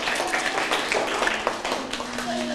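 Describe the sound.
A class of children claps together in a dense, steady patter of many hands lasting a couple of seconds, with a few young voices mixed in underneath.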